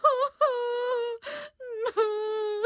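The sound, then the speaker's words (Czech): A girl's heart-rending wail: three long, high-pitched, sustained crying notes, loud and steady, broken by a sharp, ragged gasping breath before the final drawn-out cry. “Maminka muchomůrka právě rozvěšovala vyprané muchomůrčí sukýnky, když najednou uslyšela srdce rvoucí křik.”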